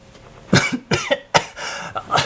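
A person coughs repeatedly from dust raised after falling backward, in a quick series of about five sharp bursts, with short breaths between them and no talking.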